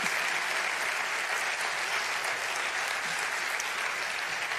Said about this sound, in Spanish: Asociación Músico Cultural Maestro Miguel de Villargordo. Otro aplauso y así los ayudamos a que vayan saliendo tranquilos.